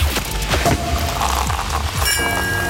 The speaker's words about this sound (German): Immer wenn wir nämlich die Korken knallen lassen.